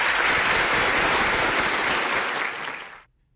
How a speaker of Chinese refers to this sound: 哎，掌声鼓励啊。